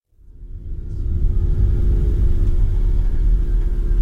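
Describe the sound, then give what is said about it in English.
A steady low engine rumble of a car driving along a road to a fishing village in the Caribbean on Easter Monday, with very few other cars on the roads, fading in quickly and then holding at a constant drone with faint road hiss above it. “It's Easter Monday, and we're driving to a fishing village in the Caribbean.”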